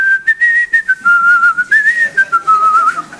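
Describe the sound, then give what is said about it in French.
Someone whistles a bright, bouncy little tune, a string of quick notes rising and falling with short breaks between phrases, and no talking over it. “Tu sais à quoi on connaît les très très bons? Ils sifflent.”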